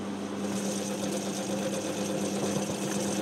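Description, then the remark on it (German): A grape mill crushing Riesling grapes runs steadily, its motor humming at a constant pitch while soft, wet squelching of crushed grapes mixes into the continuous mechanical drone. No voices are heard. “Ja, ich höre immer dieses leicht schmatzende Geräusch, wenn die Trauben dann da von der Traubenmühle, von der Quetsche erfasst werden.”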